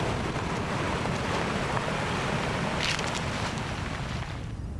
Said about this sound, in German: Eine plötzliche Böe. Blätter rascheln heftig. Lange Pause. Nur Wind.